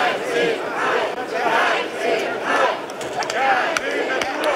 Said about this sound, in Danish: Ja til natur, nej til hegn, blev der blandt andet råbt af dem, som er utilfredse med, at et 22 km langt hegn, som skal holde elge, krondyr og kastrerede tyre inde i parken.